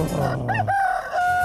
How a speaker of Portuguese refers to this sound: galo cantando